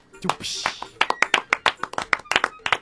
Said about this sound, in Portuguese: Palmas para Brandon Freitas, que mandou essa aqui com as eleições chegando, lembrou desta história.